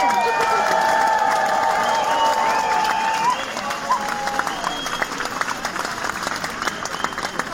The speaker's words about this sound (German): einen Applaus